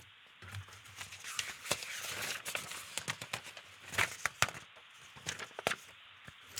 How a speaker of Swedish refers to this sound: Vad önskar du att jag bläddrar fram för någonting?